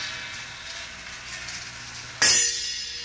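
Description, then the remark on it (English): A small gong is struck once near the end, a sudden bright clang that leaves a shimmering, high metallic ring hanging over a steady hiss heard beforehand. “And small gong.”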